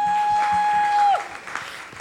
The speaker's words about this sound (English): Please, let's clap for our patrons.